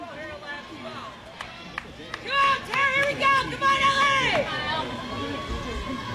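A fan in the bleachers yells a string of loud, high-pitched cheers in bursts over a steady murmur of crowd chatter, then trails off as the background hubbub continues.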